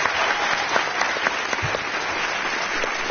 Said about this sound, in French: C'est Samuel et sa créatrice Émilie Tronche est avec nous cet après-midi. Bonlieu, vous pouvez l'applaudir.